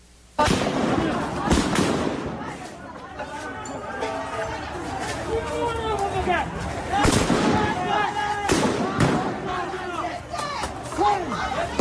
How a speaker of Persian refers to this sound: تصویر رسیده به کارزار کشف حقیقت از کشتار 18 دی در شهر رشت هم شلیک ماموران سرکوب به معترضان را نشان می‌دهد.